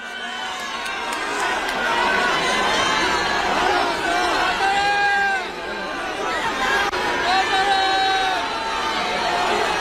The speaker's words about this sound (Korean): 국민의힘 그 최고위원들이 다 단상에 올라가서 이제 발언을 했어요. 뒤에 이제 일렬로 서서 이제 피켓도 들고 있었고 했었는데 우재준 최고위원이 이제 발언을 하려는데 거기 이제 참석자들 지지자들이 뭐 야유가 터져 나왔는데